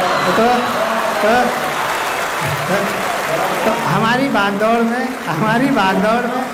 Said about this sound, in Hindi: जवाब और राजनीति, अगर दोनों जुड़े हुए नजर आए तो भरपूर तालियां लखनऊ वाले बजाएंगे।